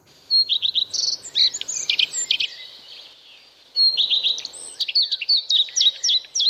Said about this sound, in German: So tönt der Gartenrotschwanz. Und im Domleschg ist der, anders als in anderen Teilen der Schweiz, nur erstaunlich häufig zu hören.